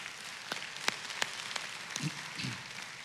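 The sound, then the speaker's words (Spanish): An audience applauding, heard as scattered, irregular sharp claps over a soft, steady background hiss, fairly quiet overall with no one speaking. “Le damos un aplauso al Señor por el talento de la casa.”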